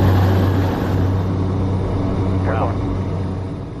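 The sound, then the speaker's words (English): A loud, steady aircraft engine roar with a low droning hum, rising in power as the airplane throttles up for an automated takeoff, an AI system flying the airplane from the very start, heard from inside the cabin. “This is going to be an automated takeoff.”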